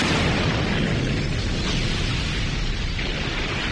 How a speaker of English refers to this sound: Deafening as it was, I scarcely heard the explosion. The very shape of the rock suddenly changed before my eyes.